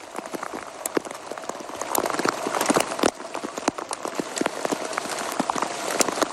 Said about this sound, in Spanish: esto que escuchan es un sonido de Eurosport en la transmisión de la etapa, cómo cae el granizo en la carretera francesa